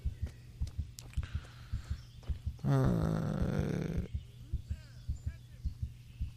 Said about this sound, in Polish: Już mu serce bije.